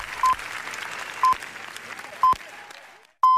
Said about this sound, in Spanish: Y en el cine, el largo aplauso. 20 minutos de aplauso en una de las jornadas más históricas de Cannes. Aplauso para los Javis.